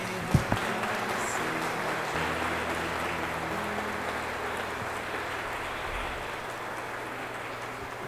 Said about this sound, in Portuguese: Depois, quando eu levanto, vocês dão uma salva de palmas, tá? Não precisa ser explosivo, não, para não assustar a criança. Uma salva de palmas.